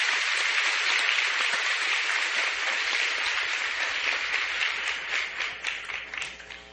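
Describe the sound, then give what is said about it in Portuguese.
An audience applauds to welcome everyone at the opening of a Mass, a dense, steady wash of clapping that holds strong and gradually thins into scattered individual claps near the end. No one speaks over it. “Com muita alegria, nós queremos acolher a todos com uma calorosa salva de palmas.”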